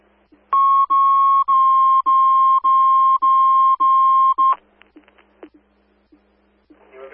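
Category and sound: signal or alarm, fire dispatch alert tones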